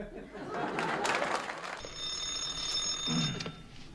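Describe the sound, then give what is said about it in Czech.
A telephone bell starts ringing about halfway through, a steady, shrill continuous ring after a burst of noisy, crowd-like sound, and continues to the end at moderate loudness. “Ano, ano, u telefonu dispečer”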